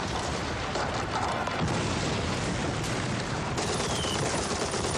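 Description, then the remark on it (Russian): Grenades thrown by Germans at a trench explode with thuds amid a dense, roaring battle din. Rapid gunfire crackles throughout, and a few sharper booms break out over the constant, loud noise. No voices are heard. “Немцы швыряют гранаты. Дуся бежит вдоль окопа. Гранаты взрываются за ее спиной.”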